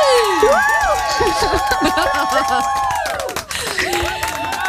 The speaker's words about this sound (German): Applaus!